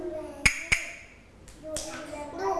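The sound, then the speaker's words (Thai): A teacher gives two sharp, bright taps in quick succession, like a stick striking a woodblock, as the stop signal in a children's movement activity, telling the children to stop moving at once. They ring out clearly before children's voices and chatter rise in the background. “คุณครูพัดให้จังหวะสองครั้งติดกันคือจังหวะหยุดเด็กๆจะต้องหยุดเคลื่อนไหวทันทีเลย”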